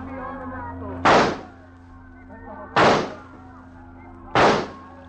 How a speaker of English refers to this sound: That is real good shooting. Yes. Yes, I've never done better in my life.